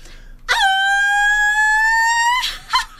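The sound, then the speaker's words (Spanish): A loud, high-pitched voice holds a long, steady cry for about two seconds, an attempted Mexican grito that comes out like a dog's howl, followed by a few short breathy bursts. “Me salió perro, ¿no? A ver, un guaquito.”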